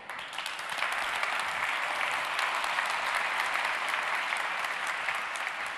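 Sustained applause from a sizable audience welcoming the Lead Workforce Development of Global Foundries Dresden onto the stage to give a laudation, a dense, steady patter of many hands clapping at a fairly even level for several seconds, with no one speaking over it.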